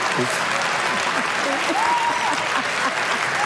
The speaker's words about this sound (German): Warum auch immer jetzt Applaus ist, was ist so?